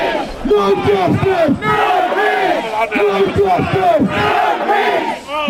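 A loud crowd of protesters outside Southampton's Central Police Station chants in unison, many voices shouting a short phrase over and over in a steady, insistent rhythm with raised, strained pitch.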